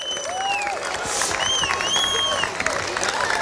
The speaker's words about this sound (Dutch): En ik heb twee ras-entertainers heb ik bereid gevonden om ons te helpen om de prijzen uit te reiken. Dus mag ik een applaus voor Sofiani Touzani en voor Koen Sitoen.